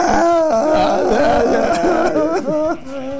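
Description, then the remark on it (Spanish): A voice imitates a little boy crying in the street as part of a joke, with wavering, sobbing wails that rise and fall in pitch, loud and continuous, breaking into short catches near the end. “este niñito estaba en la calle llorando.”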